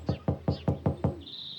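Six quick, even knocks rap on the wood of an old willow tree in a steady rhythm, fairly loud, followed by a faint high whistling tone.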